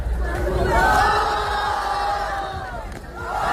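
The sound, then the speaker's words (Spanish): A dense crowd standing in a circle at a street battle roars and shouts together, applauding and booing two youths competing in the centre, a continuous, loud wave of cheering and jeering voices, sustained for a few seconds with a slight dip before swelling again. “A ver, un círculo de público que aplaude o abuchea a 2 chavales en el centro batallando.”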